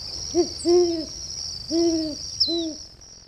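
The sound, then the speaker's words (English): A horned owl hoots four times in a deep, rhythmic pattern, two quick notes then two longer ones, over a steady high-pitched insect drone in the background. “horned owl this week, special thanks to the Cornell Lab of Ornithology.”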